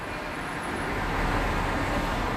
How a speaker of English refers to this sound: Cars.